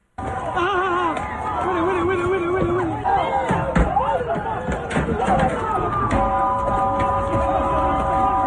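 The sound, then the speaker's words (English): A chaotic crowd scene as people run in and out of stores and bang on cars, chased by police, with continuous shouting and overlapping voices, scattered loud bangs and slams, and high wavering tones like whistles or sirens rising over the din toward the end. “It's a bunch of people running around like crazy, in and out of stores, and cops chasing them all over the place.”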